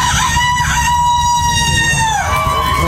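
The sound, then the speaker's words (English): A man, a contestant at a rooster crowing contest, imitates a rooster crowing: a loud, sustained, warbling cock-a-doodle-doo with rising and falling pitch, with a faint murmur of crowd noise underneath. “I grew up in a small town, and this is exactly the type of thing that would go on a rooster crowing contest.”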